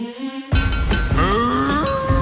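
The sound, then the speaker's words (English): A single loud cow moo, the 'Bessie the Cow' sound played hourly on a Melbourne hit music radio station, with a drawn-out, rising tone lasting over a second, preceded by a few bright clinking hits, with no one talking. “Every hour today, when you hear Bessie the Cow, you have to call me on 131065.”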